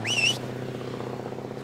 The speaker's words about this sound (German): Unser Bus fährt da weg.